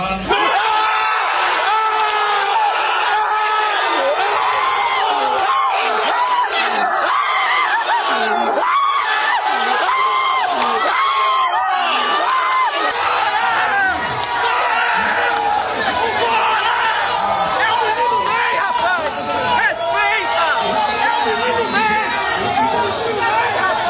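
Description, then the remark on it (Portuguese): A large crowd of fans roars and cheers continuously, with many overlapping shouts, whoops and high-pitched screams forming a dense, loud wall of excited voices throughout. “Depois que o italiano disse o nome do Neymar, a reação da torcida foi imediata e emocionante.”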